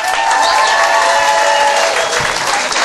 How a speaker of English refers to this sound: Also, how about a round of applause for your wait staff?